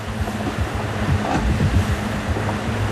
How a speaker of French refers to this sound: Le Malaysia Explorer affronte des vagues croisées qui mettent le pilote automatique à l'épreuve.